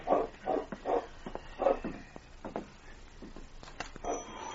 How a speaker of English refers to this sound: As his hand reached for the lamp, he hesitated and listened. He was sure he had heard a dog bark.